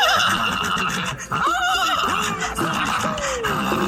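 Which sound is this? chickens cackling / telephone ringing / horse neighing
horse neighing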